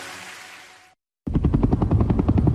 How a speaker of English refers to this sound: It was the sound of a helicopter in the distance, and I knew it was looking for me.